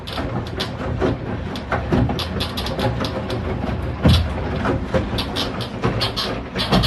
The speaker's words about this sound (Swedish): Och för alla tvättmaskinsmontörer där ute, jag ska visa åt er nu hur min tvättmaskin låter när den tvättar. Så här låter den. Här har jag nu ett filmklipp.